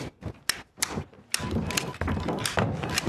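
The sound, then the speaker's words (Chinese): Abacus beads click sharply in quick, uneven bursts, fairly loud, heard through a door as a chief of staff works calculations, with a dense clatter building through the second half and no voices heard. “隔着门就听见你算盘珠子的声音了，比过年的鞭炮还响呢。”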